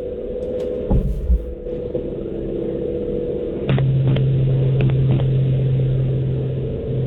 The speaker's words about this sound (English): are you in a wind tunnel? I'm in the car right now.